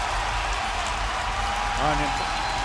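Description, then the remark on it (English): A large hockey arena crowd roars and cheers in a steady, dense wash of noise at a fight between players on the ice, with a single shout rising briefly above the din near the end. “Dan Boyle is making mincemeat of Derek Broussard right now in the Shark zone, and the crowd is eating it up”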